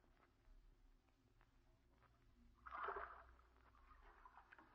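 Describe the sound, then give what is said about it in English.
Oars dip and pull through water as a boat is rowed, with one fuller splashing stroke near the middle over a low, steady rumble of lapping water. Moderately loud, no voices. “But why must you row me there?”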